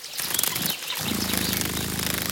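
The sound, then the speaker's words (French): A dragonfly's wings buzz by a pond: a soft hiss of rustling gives way after a moment to a steady, low, whirring drone that holds to the end, with no voices. “Cette bestiole fait un bruit très léger qui ressemble à un vrombissement. J'ai trouvé! C'est la libellule.”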